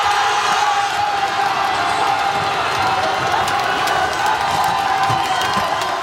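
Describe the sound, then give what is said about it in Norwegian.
A large outdoor crowd at Spikersuppa in Oslo, Norway, celebrating a match result, cheers and shouts continuously, a dense, steady roar of many voices with scattered whoops rising above it, fairly loud throughout. “Men den som jubler sist, jubler best, og det må feires. I spikersuppa.”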